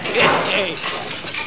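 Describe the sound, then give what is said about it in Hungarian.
A sharp, loud burst of breaking glass, with bright crashing shards that spill for a moment and then trail off into a softer scattered clatter. “Ez se befőttes üveg volt”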